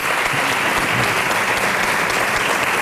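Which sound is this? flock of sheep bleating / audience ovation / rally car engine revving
audience ovation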